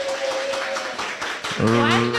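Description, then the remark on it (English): A crowd gathered at a home for The Breakfast Express broadcast claps in a dense, steady patter, then voices rise in a loud, sustained cheer over the continuing applause. “Can we get a cheer and a clap and a yay that we're here today?”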